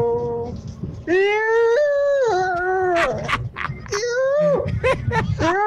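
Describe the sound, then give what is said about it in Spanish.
A person howls like a hungry coyote: long, loud, wavering howls that rise and fall in pitch, broken by short yipping bursts. “Y yo parecía coyote con hambre, ¿no? O lobo, cuando veo la loba.”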